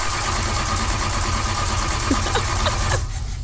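A car engine idles steadily and loudly up close, a constant low rumble with faint mechanical whine, its tone shifting slightly near the end.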